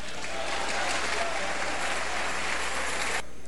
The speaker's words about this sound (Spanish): Dile palmas al Señor.